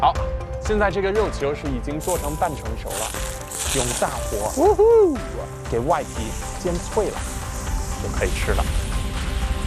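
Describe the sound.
A steady hiss of half-cooked, steamed meatballs sizzling in a hot pan over high heat to crisp the outside runs throughout, with scattered small crackles and a voice humming or talking over it.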